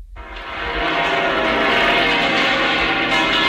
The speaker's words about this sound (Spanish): Además, se escuchaban, por ejemplo, las campanas de la Catedral de la Almudena.